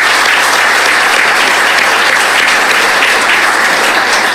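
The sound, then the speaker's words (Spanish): A crowd claps steadily for several seconds, a loud, dense wash of applause that holds at an even level throughout without any voices rising above it. “En verdad, muchísimas gracias y un aplauso, por favor, para ellos.”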